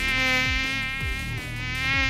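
A mosquito buzzes in a steady, high-pitched whine, droning continuously without pause for a couple of seconds, with no voices.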